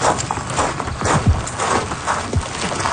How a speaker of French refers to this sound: Vous entendez des roches tomber.